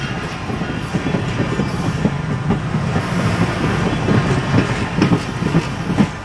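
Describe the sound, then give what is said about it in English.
A scenic train in the Cuyahoga Valley rumbles past, its wheels clacking in a steady rhythm over the rails, with occasional high metallic squeals cutting through the low, continuous roar. “The scenic train passes by in the Cuyahoga Valley.”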